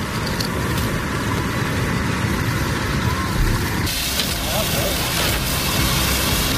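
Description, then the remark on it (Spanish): Firefighting work at ground zero of a wildfire that started in Los Gallardos, with more than 500 personnel trying to put it out: a steady, loud wash of engine and machinery noise, like trucks idling and running, with a dense hiss throughout and faint, indistinct voices mixed in. “Es el sonido de las tareas de extinción en la zona cero de la tragedia.”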